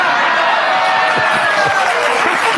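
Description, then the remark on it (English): A studio audience howls in a dense, sustained roar of mixed voices, loud and unbroken for a few seconds with no clear individual speech. “How about the way the audience howls?”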